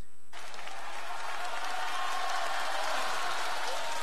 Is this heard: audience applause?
yes